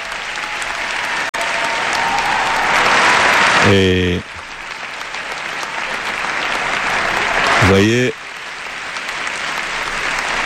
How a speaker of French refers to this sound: je n'ai pas chronométré les minutes d'applaudissements, mais ils manifestent vraiment leur joie depuis que le Saint-Père est rentré dans la salle. Vous voyez, ils ne cessent d'applaudir.